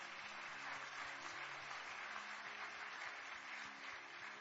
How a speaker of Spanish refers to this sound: Qué bueno, ¿por qué no le damos un aplauso a Dios por ellos?